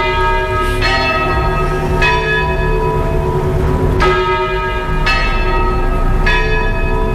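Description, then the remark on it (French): Church bells at the basilica in the centre of Beaune ring out loudly, heard from just behind it: a series of rich, sustained peals struck about once a second, their overlapping tones humming and ringing on continuously with no voices. “Accueille avec le son des cloches.”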